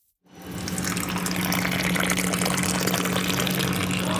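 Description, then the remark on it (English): Freshly roasted Ethiopian coffee is poured steadily into a cup in a big, tall pour at a store, after a brief silence. A continuous splashing stream with a low hum underneath holds at a constant level without any talking. “give me a big, tall pour of her finest coffee”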